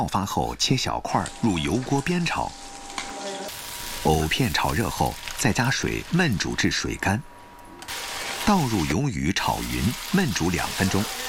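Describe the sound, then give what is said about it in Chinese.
Rehydrated dried squid, cut into small pieces, sizzles and crackles as it is stir-fried in hot oil for a home dinner, a steady hiss running beneath continuous talking, with occasional stirring sounds. “鱿鱼干泡发后切小块，入油锅煸炒。”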